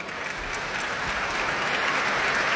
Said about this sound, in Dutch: En daar klinkt het applaus voor Jefim Bronfman. En voor dirigente Elin Chan. We zijn samen op weg naar het podium. Naar de muzici van het Concertgebouworkest.